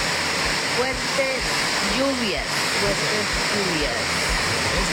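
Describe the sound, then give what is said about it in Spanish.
A heavy rain shower pours down outside the door of a house in a steady, dense roar of hiss, unbroken for the whole stretch, with faint murmuring voices buried beneath the downpour. “Fuertes lluvias. Aguacerito ahí de la puerta de la casa.”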